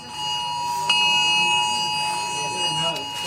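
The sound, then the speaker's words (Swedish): A phone's emergency alert test blares a steady, piercing multi-tone alarm while the phone vibrates, holding unbroken for the whole stretch, loud over a faint murmur of voices underneath. “Först kom larmet som både tjöt och vibrerade.”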